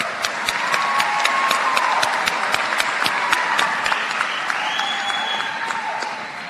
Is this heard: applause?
yes